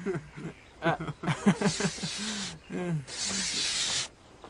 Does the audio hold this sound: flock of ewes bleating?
no